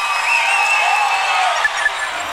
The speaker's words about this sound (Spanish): Un fuerte aplauso